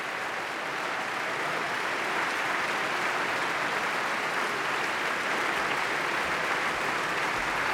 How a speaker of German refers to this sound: Jetzt kommt er nochmal auf die Bühne und hat diesen Applaus sowas von verdient.